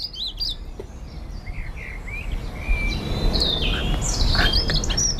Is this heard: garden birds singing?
yes